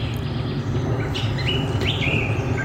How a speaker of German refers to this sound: das ist mal ein schöner Arbeitsplatz, wo die ganze Zeit ein paar Vögel im Hintergrund sind